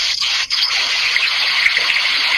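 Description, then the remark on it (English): A dense, steady hiss of heavy pouring rain, loud, rushing continuously with no breaks and no voices. “It's raining and pouring. We can hear it like it's a toilet flushing.”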